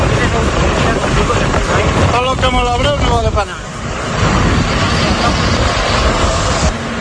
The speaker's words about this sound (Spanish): Escucha, mira el helicóptero donde está echando. La escena que escuchas es la de una columna de tractores que avanza intentando crear nuevos cortafuegos, porque ahora mismo, la verdad es que ni por esas.